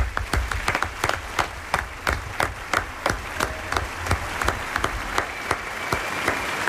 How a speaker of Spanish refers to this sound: Aplauso para nuestra pareja protagonista de esta mañana de la Isla del Doctor Moreau,